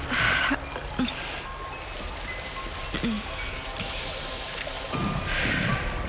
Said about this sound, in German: Warte, ich gieße dir Wasser ein. So.